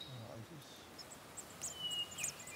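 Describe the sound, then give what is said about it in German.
Faint, thin high-pitched peeps from hatched nestling chicks inside a nest box, heard during a nest box check near Bad Kissingen, a few short calls clustered in the second half, over quiet background hiss with a brief low murmur of voice early on. “Es piepst. Ja, es piepst.”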